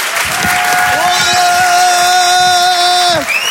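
A crowd applauds loudly and steadily, with a long sustained cheer or whoop held over the clapping for a few seconds before it fades.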